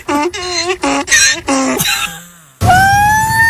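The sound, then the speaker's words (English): A new female donkey brays in a quick series of loud, wavering honks that rise and fall like a little siren, followed by a longer sustained whining call. “I got a new donkey. Watch this.”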